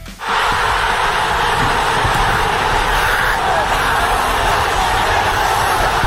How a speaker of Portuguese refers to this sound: Bom, isso aí é a torcida brasileira comemorando a classificação do Brasil para as oitavas depois do sufoco contra o Japão. Só que não é no Brasil, não, gente. É lá em Bangladesh, no sul da Ásia.